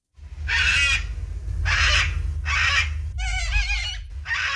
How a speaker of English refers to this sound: That is a cockatoo, and that cockatoo beat out the kangaroo, the koala, and the bin chicken to become the emblem of the games.